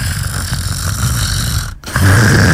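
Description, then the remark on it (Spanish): Someone does a loud, raspy snoring imitation, a rough rumbling breath that cuts off briefly and then resumes with a heavier, buzzing snort. “Tiene su ronquidito ahí.”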